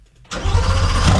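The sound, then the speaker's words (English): A Corvette engine, started up again at the Paul Massey dealership, cranks and catches with a sudden loud burst, then settles into a deep, throbbing rumble with steady low pulses, with no one talking. “And the engine, start it up again, Tom.”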